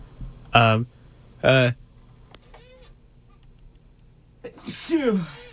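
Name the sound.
sneeze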